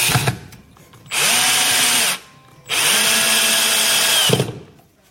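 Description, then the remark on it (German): A power drill drills and drives screws into chipboard while a bookshelf is being built, whirring loudly in two sustained bursts of about a second and a half each, its motor pitch dipping as it bites into the material, with brief quiet gaps between. “Bohren und Schrauben.”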